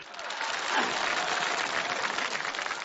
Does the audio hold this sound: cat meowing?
no